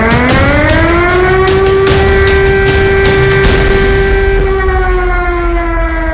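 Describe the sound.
A voice imitates a wailing air-raid siren: a single loud, buzzy tone glides upward, holds steady for several seconds, then slowly sinks at the end, with no talking alongside.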